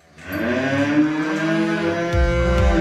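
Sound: cows mooing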